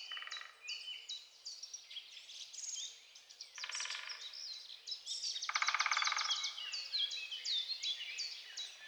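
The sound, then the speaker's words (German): Many forest birds sing and chirp at once, overlapping high trills and rapid buzzy phrases filling the air in a steady, lively chorus with no voices. “Die Melodien der singenden Waldbewohner. Ja, ein ganzes Vogelkonzert war zu hören.”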